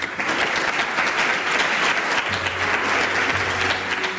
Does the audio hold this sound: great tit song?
no